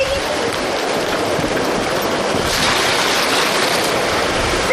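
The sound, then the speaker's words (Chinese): A steady, dense hiss of rain falling, loud, with a constant wash of noise and no pauses or voices throughout. “我下雨 了”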